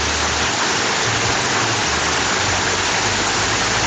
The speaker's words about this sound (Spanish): En este momento en Chillán tiran el agua con balde, escuchen.